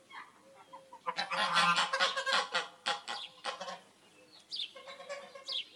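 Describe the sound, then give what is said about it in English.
Geese honk loudly and excitedly, a dense burst of overlapping harsh calls for several seconds, then a few scattered honks as the flock quiets slightly. “The loudest ones are the geese.”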